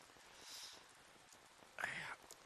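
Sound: rain falling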